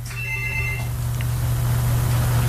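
A telephone gives one short electronic ring lasting under a second, then stops, leaving a steady low hum and faint background noise.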